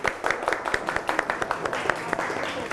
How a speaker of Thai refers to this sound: เป็นตุ๊กตาใช่ไหมคะโมเดลตุ๊กตาจากเปลือกหอยนะคะเก่งมากค่ะกลุ่มสามปรบมือหน่อยค่ะ